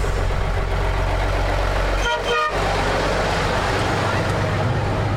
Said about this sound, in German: Hier kommt schon ein Bus. Hier kommt der Bus, ja. Kommt da.